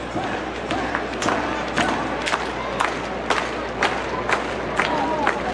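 A crowd of about 5,200 at a Yard Goats baseball game at Duncan Park in downtown Hartford, after sunset, roars steadily, a dense wash of voices broken by sharp, regularly spaced claps or thumps roughly every half second.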